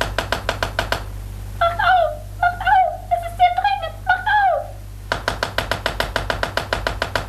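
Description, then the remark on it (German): Rapid, heavy, insistent knocking on the wooden door of a palace room in two bursts, one at the start and one near the end, with a high, sing-song voice in between. “Lukas und Jim schliefen noch immer, erschöpft von der nächtlichen Reise, als sie plötzlich durch heftiges Pochen an der Tür des Palastzimmers, in dem sie untergebracht waren, aufgeschreckt wurden.”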